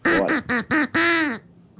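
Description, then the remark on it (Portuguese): A loud, nasal duck-like quacking strings five close notes into a tune, the pitch rising and falling between quacks, with a longer held note near the end and another starting. “Então preste atenção, porque o Pato está cantando uma música.”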